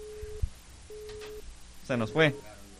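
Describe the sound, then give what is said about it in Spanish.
A telephone busy tone sounds in two steady, evenly spaced beeps with a pause between them after a landline call drops, followed by a man's voice speaking briefly. “Se nos fue la llamada.”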